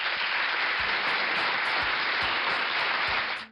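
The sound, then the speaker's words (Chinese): Steady applause fills the whole moment, a dense wash of clapping from a group that holds at full strength before cutting off abruptly near the end, with no voices. “好，把这个掌声要送给小黄狗啊！”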